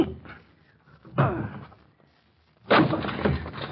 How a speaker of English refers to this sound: Well, it's locked. Hello. Hello in there. No answer. I'm going to break in the door.